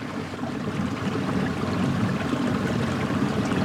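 river water flowing

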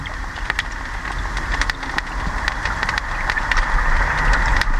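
crayfish crackling underwater

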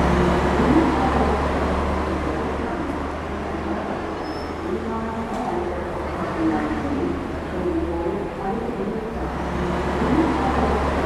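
bus engine running

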